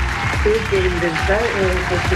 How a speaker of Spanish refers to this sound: Pongan más aplausos. Pongan más aplausos, porque no.